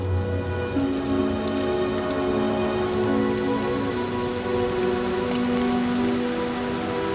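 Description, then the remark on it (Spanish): Steady, dense rain pattering down continuously on people opening umbrellas, with a soft hiss and occasional sharper drops, under a low sustained tonal hum with no voices. “La gente abre los paraguas. El agua cae sobre César, que mira a la inmóvil Sofía.”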